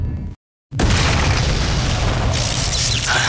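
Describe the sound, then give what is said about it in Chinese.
In the cartoon Pleasant Goat and Big Big Wolf, a loud explosion blasts something open after a brief silence, a deep booming roar that stays heavy and rumbling for several seconds with crackling debris noise layered over it. “啊，终于炸开了。”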